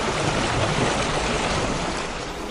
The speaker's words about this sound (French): Trouve-nous plutôt un doux clapotis des flots.